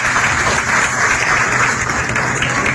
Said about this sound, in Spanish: Fuerte el aplauso